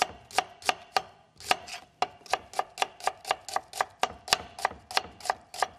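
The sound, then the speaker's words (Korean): A knife chops steadily on a cutting board, sharp crisp taps in a quick even rhythm with one brief pause, slicing carrots and onions thinly. No one speaks. “당근과 양파도 양파는 곱게 얇게 썰어주시고요.”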